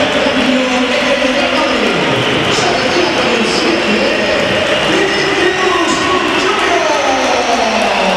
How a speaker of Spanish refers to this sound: hay que oír. Que haya pitada.